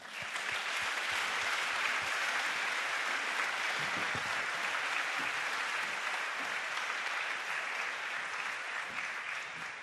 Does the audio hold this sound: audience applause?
yes